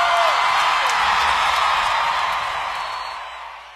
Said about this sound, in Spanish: Un aplauso muy fuerte para esta herencia, la música.